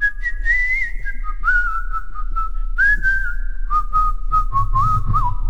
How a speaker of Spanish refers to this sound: ¿Puedes chiflar nada más la parte de Tumbos?